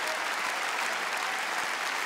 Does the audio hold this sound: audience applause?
yes